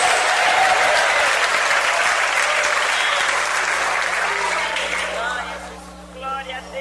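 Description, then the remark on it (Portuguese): Loud, sustained applause from a large church crowd, mixed with scattered shouts of glory to God, then thins out and fades over the last second or so. “Mais fortes palmas misturado com glória a Deus.”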